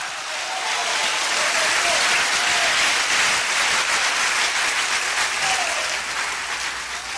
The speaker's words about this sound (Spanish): Un aplauso fuerte. ¡Aleluya!